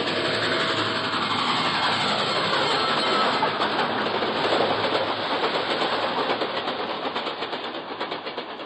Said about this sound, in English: Then, dimly, I can make out an approaching roar. Another train heading right for me.